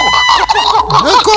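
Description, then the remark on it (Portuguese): A person imitates a hen with a quick run of loud clucking sounds, choppy and nasal, filling a brief burst with no other voices or background. “Parece que as galinhas quando quer. Já quer botar um ovo, rapaz?”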